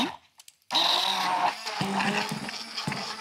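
After a brief, nearly silent moment with a few faint clicks, a blender suddenly roars to life, blending strawberries with a splash of lemon juice with a loud, steady, grinding whir that churns on without pause.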